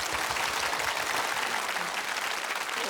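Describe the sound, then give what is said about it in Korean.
A crowd applauds steadily to welcome two brothers who sing traditional Korean song, a dense continuous patter of many hands clapping at an even, moderately loud level throughout, with no voices standing out. “여러분 뜨거운 박수로 청해 주시죠.”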